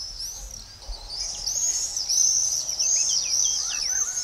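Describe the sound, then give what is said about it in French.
Shrill, high screaming calls of common swifts, several birds overlapping in a continuous buzzy chorus that swells after the first second and carries on steadily, with no voices. “Le véritable super pouvoir du martinet noir, c'est le vol. C'est un oiseau fait pour voler.”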